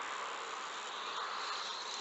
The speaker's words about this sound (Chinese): 那个滋滋声就是我们采集到的放电声。 哦，听到了，真的。真的，但是这个声音要比刚刚那个尖叫机的声音要细微很多。 对对。 仔细听才能够听到。